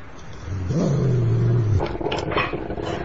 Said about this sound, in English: Oh, hello. You're nice, aren't you? Nice and bouncy and sort of... Yeah. What's it called? It's a dog.